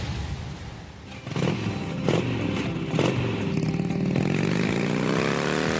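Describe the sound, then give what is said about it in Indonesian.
A motorcycle engine drones, ridden by a child in fifth grade of elementary school, with a few sharp gear-shift bursts and a rising whine toward the end as it accelerates. No one speaks. “Le, le, kui mau sih numpak motor buan to, anakmu to?”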